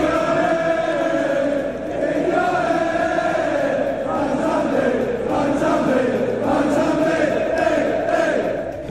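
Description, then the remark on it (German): A large crowd of Aston Villa football fans sings a chant celebrating the player Mansambi, a loud, steady wall of voices with a sustained melodic line rising and falling throughout, no gaps or pauses. “Dort feiert es den Nazi-Spieler sogar mit einem Lied.”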